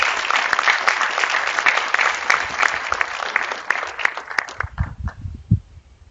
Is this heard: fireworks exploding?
no